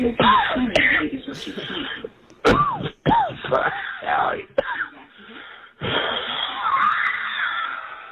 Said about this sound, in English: He's the only guy that calls and coughs for the first 45 seconds of his message.